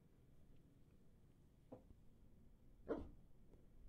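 A dog named Tundra gives two short, separate barks, the second one sharper and louder, over a low, steady background rumble with no one talking.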